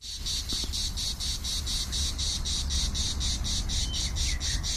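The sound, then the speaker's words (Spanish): A cicada sings continuously in loud, rapid pulses, a steady buzzing rhythm repeating about four times a second, with low rumbling background noise and no voices. “Aquí estamos escuchando a la cigarra, un animal que también, aunque no lo creas, lo podemos escuchar en nuestro Sí, entorno, sí.”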